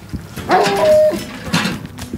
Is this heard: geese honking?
no